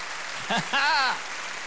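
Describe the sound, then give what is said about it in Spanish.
A crowd applauds after a speaker urges them to clap more, in a steady, hissing wash of clapping while one voice briefly calls out over it with a drawn-out, rising shout. “Aplaudan más que eso, si lo creen.”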